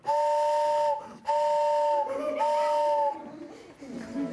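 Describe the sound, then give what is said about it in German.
A hand-cranked barrel organ, not powered by electricity, plays several pipes together to mimic a train whistle with three long, steady two-note chords, each held about a second with brief gaps, loud and breathy, fading into quieter background sound at the end. “Wenn man die zusammenspielt, hat man eine Eisenbahn.”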